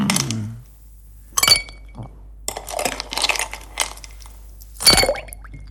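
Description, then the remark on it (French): Ice cubes clink against a glass holding a non-alcoholic cocktail by a swimming pool in a few sharp, bright bursts, with softer rattling and knocking between the louder chinks and no talking. “vous voyez là, avec un petit cocktail sans alcool évidemment, et quelques glaçons.”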